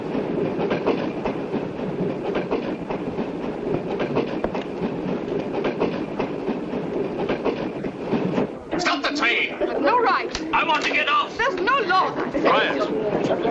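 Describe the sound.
A train rolls steadily along the rails with a continuous rumbling clatter, loud throughout; partway through, sharper metallic squeaks and rattles join in while voices murmur under the noise.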